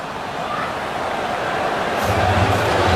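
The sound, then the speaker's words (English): A large stadium crowd of Pitt fans at a Pitt versus Syracuse football game fills the air with a dense, steady roar that swells into a low, sustained booing of the ball spot over the last second, loud and continuous with no clear talking. “Pitt fans, you can hear booing the spot, as it turns out.”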